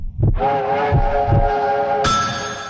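A train horn blares with a steady, sustained tone over the rhythmic clatter of wheels on rails, loud, with a brighter rushing noise swelling in near the end.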